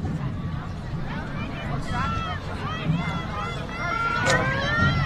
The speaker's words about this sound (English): Break the huddle, as you can hear there, in our parabolic crowd mic.